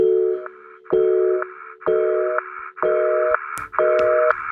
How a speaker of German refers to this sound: Temi hat nur ein Freizeichen und sagt, ruf an bitte.